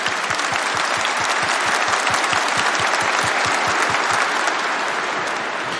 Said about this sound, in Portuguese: Veja a sua Bíblia, vamos aplaudir a palavra bem forte, mais forte, mais forte.